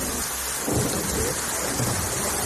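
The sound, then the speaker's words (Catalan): Heavy rain pours down steadily in a dense hiss while deep thunder rumbles low underneath, the storm loud with no voices. “Aquesta matinada s'han enviat avisos és alert a través dels telèfons mòbils de diverses comarques a l'àrea de Barcelona i és a la capital, a un dels punts on més ha plogut.”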